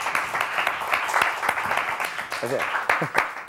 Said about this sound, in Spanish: aplauso para él.